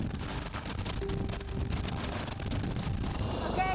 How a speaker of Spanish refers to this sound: En el transcurso del entrenamiento tuvimos la oportunidad de volar con parte del equipo. Mi primer vuelo en helicóptero, el miedo tengo en este momento.